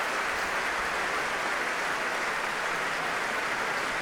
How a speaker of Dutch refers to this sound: En het wachten is nu op Ivan Fischer. Zeer geliefd hier in Amsterdam bij zowel het orkest als bij het publiek. En daar klinkt het applaus voor de Hongaarse dirigent.